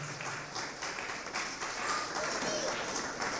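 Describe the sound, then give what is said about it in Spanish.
A crowd applauds steadily for several seconds in praise of God, a dense, even wash of clapping with a few faint voices calling out beneath it. “Gloria a Dios, un aplauso poderoso al Señor.”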